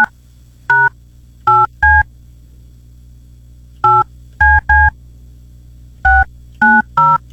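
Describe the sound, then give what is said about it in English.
A series of touch-tone phone dialing beeps as a phone is dialed, short dual-pitch tones in uneven clusters of two or three, loud with quiet pauses between, no voices. “So for all of you who are my age or younger, that is what we call a dial tone.”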